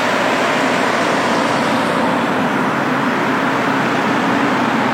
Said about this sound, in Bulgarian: Сега тук, нали, се виждат полицаи и колите карат бавно. Обаче, когато ги няма тези полицаи, с 200 км, ако не е, ще е лъжа.